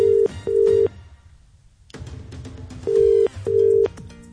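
A phone call ringing out as a caller phones back a contest entrant whose phone died: a steady double-burst ringback tone sounds twice, separated by a quiet pause, heard clearly as if through the handset, with no one speaking.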